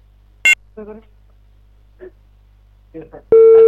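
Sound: telephone busy signal tone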